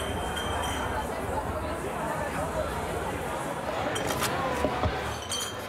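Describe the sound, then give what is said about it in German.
Deposit cups and glasses clink now and then against a steady crowd hubbub as they are collected, with Viva Con Agua's shopping carts filling up. A few sharper knocks near the end as drinkware is gathered up amid background chatter. “Also hier wird noch fleißig jetzt Becher Pfand eingesammelt.”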